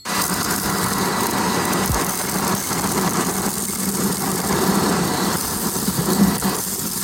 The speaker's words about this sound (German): Ja, und ganz faltenfrei kümmert er sich um Staub, ungebetene kleine Gäste oder um Hunde oder Katzenhaar. 125 Jahre Staubsauger. An der Stelle alles Gute. Ja, und die nächsten Sekunden gehören mal hier dem Staubsauger. Bitteschön.